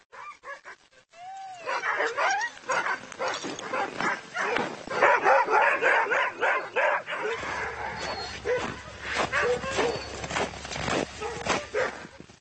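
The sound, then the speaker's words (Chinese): Many dogs bark and yip excitedly in the morning in a dense, overlapping chorus, with high whines mixed in; a low steady rumble joins partway through. “今天早上所有狗都很高兴，他们肯定感觉到这是个重大的离别时刻。”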